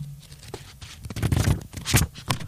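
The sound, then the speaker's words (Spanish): Papery rustling as pages of a paper book are flipped several times in quick succession, each turn a brisk crisp swish, with no talking. “Me encanta, leer un libro en papel. Las hojas del papel.”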